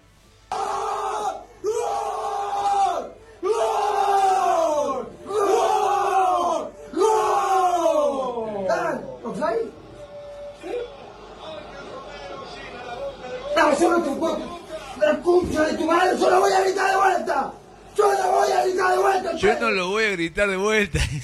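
A small group of friends erupts in loud, repeated goal shouts, rising and falling in long bursts, then breaks into excited overlapping yelling and cheering, close and raucous throughout.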